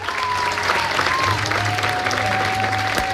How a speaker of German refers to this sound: Applaus in diesem Theater. Ja, viele, die hier laut applaudiert hatten, waren ja eigentlich bereits längst raus aus dem Disney-Alter.